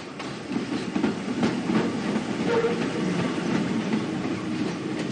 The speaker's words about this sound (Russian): Метро, автобус.